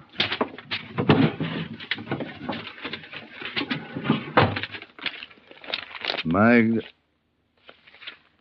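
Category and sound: household object, desk drawer opened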